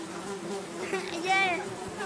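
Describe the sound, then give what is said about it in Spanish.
A housefly buzzes, a steady droning hum with the pitch rising and wavering briefly as it swoops, heard on its own without any talking. “Mira, hay mosques.”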